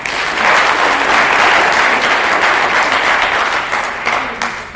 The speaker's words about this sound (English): So let's give them a clap.